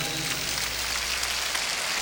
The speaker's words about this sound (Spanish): Bueno, voy a pedir un fuerte aplauso a los músicos de la Sinfónica Nacional.